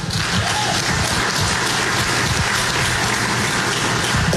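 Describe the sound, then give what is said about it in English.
A crowd claps steadily for Brian Haywood for the whole stretch, a dense, even patter of many hands at a constant loud level, with no voices rising above it. “They're clapping for Brian Haywood, not for the tax, by the way.”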